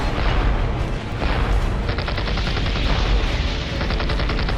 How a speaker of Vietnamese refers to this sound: Khi De Castri yêu cầu phản pháo ngay tức khắc, Pierrot đã cho bắn 6.000 viên đại bác xuống xung quanh Him Lam, nhưng không thể khống chế được pháo binh của Việt Minh.